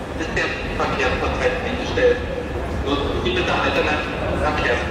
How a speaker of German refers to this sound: Bahnen halten auf freier Strecke, an Bahnsteigen stehen Züge still, Menschen hasten ratlos durch Bahnhöfe. In ganz Deutschland ging ab dem späten Abend nichts mehr im Bahnverkehr, wie hier am Berliner Hauptbahnhof.